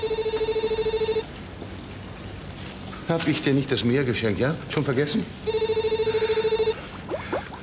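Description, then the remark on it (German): A telephone rings in two steady electronic bursts with a bright, harmonic-rich tone, separated by a stretch of animated speech; a voice talks over the second ring. “Nee, ich gehe nicht ran, ich geh nicht ran.”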